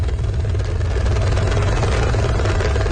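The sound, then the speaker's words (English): A rescue helicopter hovers above the valleys of Nepal's northern Rusawa district after floods, with a steady, loud low-frequency rotor and engine roar, a continuous throbbing drone that holds evenly without pause. “The rescue chopper hovers above the valleys of Nepal's northern Rusawa district.”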